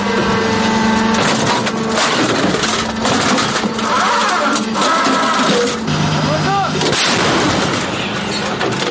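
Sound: self-propelled howitzer firing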